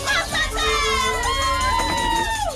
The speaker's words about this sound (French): Et cet épisode, il est enregistré donc dans les Cévennes, au pont de Montvert, et c'est une séquence avec des adolescents au bord de la rivière. C'est une séquence pour se rafraîchir.